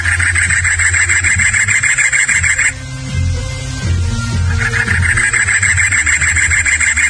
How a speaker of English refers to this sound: The cactus wren is a bold and inquisitive bird, actively perching on exposed cacti and filling the desert air with a song that sounds like an old internal combustion car engine trying to start up.